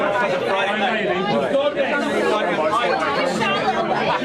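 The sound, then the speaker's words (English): Loud, busy crowd chatter inside the packed Falkland Beer Works bar: many overlapping voices merge into a dense, continuous roar of conversation with no single speaker standing out, holding steady for the whole stretch. “You can see it's just ever so slightly busy and ever so slightly loud, so just not really practical.”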